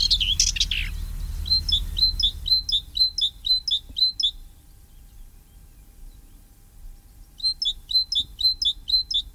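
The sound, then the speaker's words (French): Common whitethroat song: a brief scratchy burst, then two bouts of quick, evenly repeated high chirping notes separated by a pause, clear over a low background rumble. “La fauvette grisette qu'on entend ici est par contre migratrice et disparaîtra au mois d'août-septembre pour repartir en Afrique.”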